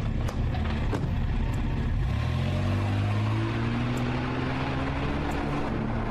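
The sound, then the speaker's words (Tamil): A car engine turns over with a few sharp clicks, then revs up and rises steadily in pitch as the vehicle pulls away, loud, with no talking. “கார்ல ஏறு.”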